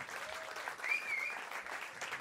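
Steady applause from an audience fills the whole moment, a dense wash of clapping with a brief high whistle rising above it partway through.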